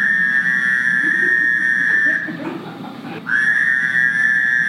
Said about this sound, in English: Next comes the Fowler's toad, which looks like an Eastern toad, but sounds very different.